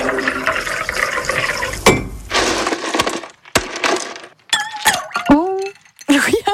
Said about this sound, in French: Et comme il fait chaud, ici Cotentin vous offre une petite pause fraîcheur. Oh, allons-y. Allez, on met des glaçons dans la boisson.